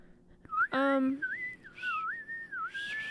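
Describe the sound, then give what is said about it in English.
A person whistles a wavering, sliding melody in imitation of birdsong, moderately loud, continuing for a few seconds after a brief vocal sound near the start. “I can't whistle, so I wouldn't be able to do that, but it's pretty cute.”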